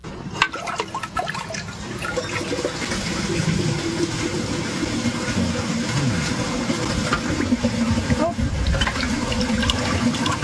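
A 1976 American Standard Luxor toilet flushes with a loud, steady rush of water that churns and gurgles for about ten seconds, staying strong the whole time with no clear pause.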